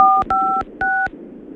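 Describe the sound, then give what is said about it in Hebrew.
Three clear electronic keypad tones from a new mobile phone in a studio, for its three-digit secret code, each a steady two-pitch beep lasting about a quarter second, evenly spaced, with a faint room hum underneath and no talking. “הנה, בוא רק נשמע את הפולסים”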